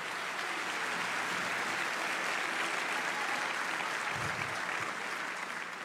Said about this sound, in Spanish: Dale un aplauso si puede, pero con fuerza.